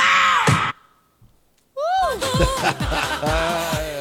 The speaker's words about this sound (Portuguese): Peraí, ô …, bota só um gritinho aqui, ó, Patrícia, olha só. Você não vai se assustar, tá?